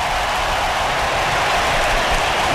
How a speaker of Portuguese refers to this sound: Até os ingleses estão aplaudindo.